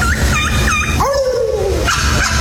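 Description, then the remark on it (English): One of the top champion turkey callers for 2026 imitates a turkey gobble call: three quick high yelping whoops, then a long wavering tone sliding downward, then another high note, all loud over steady background noise. “But what about a champion turkey? The top turkey callers for 2026.”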